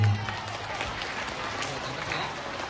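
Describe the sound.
A group of schoolchildren at a traffic safety session clapping together for a classmate's correct answer, a steady, dense patter of applause that carries on evenly for a few seconds, with a low murmur of voices underneath.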